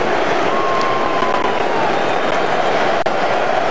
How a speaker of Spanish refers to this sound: Se va a Bellingham de la cancha, la figura de Inglaterra. Así despide Miami a Jude Bellingham. Esta ovación.